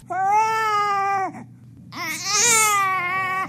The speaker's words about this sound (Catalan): Aquest bebè fa ué, u-e, accent greu.